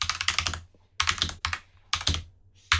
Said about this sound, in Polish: Jak słyszycie, ja mam pełną klawiaturę.